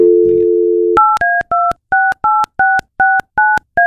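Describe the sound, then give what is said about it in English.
A steady telephone dial tone hums for about a second, then a quick, evenly spaced run of about ten touch-tone beeps as a contest winner's number is dialed, loud with no talking. “So I got the winner here, and we're going to call him up and surprise her, okay?”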